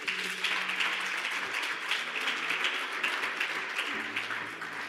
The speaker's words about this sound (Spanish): Un aplauso